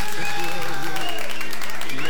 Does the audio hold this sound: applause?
yes